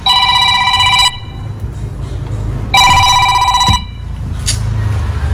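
A telephone rings loudly in two bursts of bright, harmonic trilling, each about a second long, separated by a pause, over a low rumbling background.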